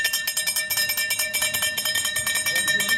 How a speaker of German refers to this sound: Ja, das ist das Klingeln vom Eismann, ist doch ganz klar, ja. Wenn der Eiswagen kommt, dann rennen alle los, oder?